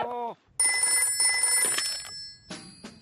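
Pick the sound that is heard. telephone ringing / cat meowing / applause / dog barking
telephone ringing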